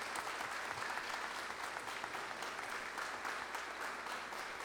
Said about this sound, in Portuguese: Então vamos dar uma salva de palmas à nossa padroeira, Santa Rita de Cássia.